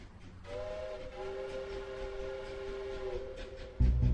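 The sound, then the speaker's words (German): A passing train sounds a long, steady whistle over a low rumbling background, and the rumble swells louder and heavier right at the end. “Der Zug trägt es fort.”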